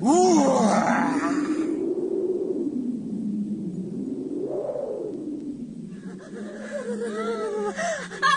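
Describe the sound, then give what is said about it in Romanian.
A deep voice huffs and groans through a long, strained exhale, imitating a wolf blowing hard to knock down a straw house, with breathy rushes of air at the start and end. Fairly loud. “Numai să suflu eu odată. Uite așa.”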